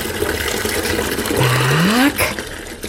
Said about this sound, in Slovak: Teraz nalejeme zohriatú vodičku do drezu.